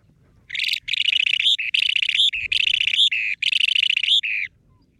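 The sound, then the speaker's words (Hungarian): A rare bird, so rare that a sighting would be only the sixth recorded in Hungary, calls in several rapid, buzzy bursts of high trilled notes, clear, with short gaps between phrases and only faint low background noise beneath. “Nagyon aranyos egyébként a madárnak a kinézete, javaslom, hogy keressenek rá, és hogyha hallják, akkor nem tudom, jegyezzék föl, mert az lesz a 6.”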